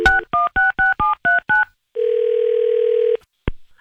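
A quick run of seven touch-tone keypad beeps dialing a number, followed by a long steady phone tone and a brief click at the end, clear with no talking.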